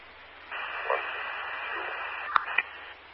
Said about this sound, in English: Again, heavy static